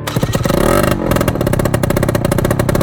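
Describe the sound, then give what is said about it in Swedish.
A motorcycle engine revs up loudly, its pitch climbing with the throttle, dropping briefly, then settling into a steady, throaty idle with rapid pulsing. “Ska du fixa till hojen?”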